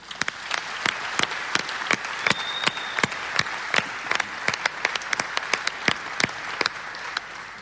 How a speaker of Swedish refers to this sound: Så jag tycker vi ger en applåd för hela Vårgårda.